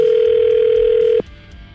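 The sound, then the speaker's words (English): A single loud, steady electronic ringback tone from an outgoing phone call plays for just over a second, then cuts off abruptly into quiet line hiss. “We're just waiting for it to ring”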